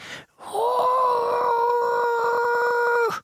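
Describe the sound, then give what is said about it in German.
A voice imitates the very quiet roar of a tiny lake monster no bigger than a frog: one steady, thin, high-pitched wail held for about two and a half seconds, with no talking around it. “Und wenn es brüllt, tut es das sehr leise. Ungefähr so.”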